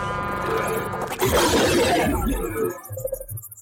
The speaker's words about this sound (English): clink of milk bottles.